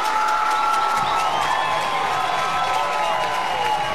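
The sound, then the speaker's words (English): A big stadium crowd at a Vols baseball game cheers and applauds steadily for a batter who drew a walk after a long at-bat, loading the bases. A dense roar of clapping and shouting voices with scattered whoops, loud and sustained throughout. “Crowd give him a hand.”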